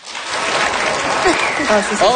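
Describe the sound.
An audience bursts into steady, loud applause in answer to a question about who would like to hibernate from September to June, a dense wash of clapping that holds for a couple of seconds, with scattered whoops and voices rising over it toward the end.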